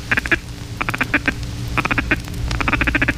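Rapid bursts of a duck call's feed chatter, the words dugga, dugga, dugga repeated into the caller as quick stuttering quacks in clustered runs, loud, the tone shifting as hands are alternately cupped and opened around the bell of the caller.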